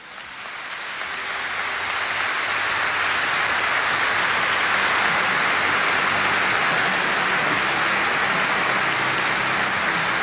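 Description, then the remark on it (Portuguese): A big round of applause for the Teresitas swells up over the first second or two, then holds as a dense, steady wash of clapping with no voices on top. “Vamos dar uma grande salva de palmas para as nossas Teresitas.”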